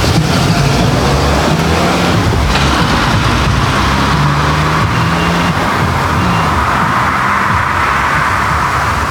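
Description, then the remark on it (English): A car passes by, its engine and tyre roar loud and steady, with low engine hum and a brief brighter swell as it goes by; no voices. “There's lots of few cars about here, I need to look a bit more.”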